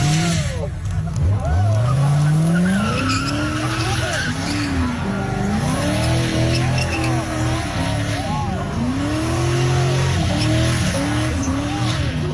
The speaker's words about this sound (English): So I immediately just pulled out my phone and started recording immediately just to see what it was. And he was on the opposite side of the road and he was starting to do a burnout.